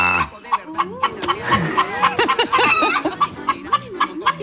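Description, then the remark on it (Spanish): A hen clucks in a quick, steady series of short, sharp calls, fairly loud, while people talk and chuckle underneath. “El 3125 es la gallina.”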